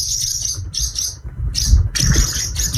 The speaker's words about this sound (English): Hard to get a sound effect of a swallow, but we got that one.